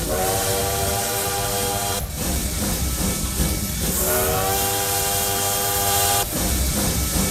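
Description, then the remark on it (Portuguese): A loud steam train whistle blows in long sustained blasts over a constant hissing, rumbling train noise, with brief breaks between the whistle calls. No one speaks. “E o trem bala tá por aqui, ó.”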